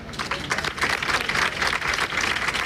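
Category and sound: crowd, applause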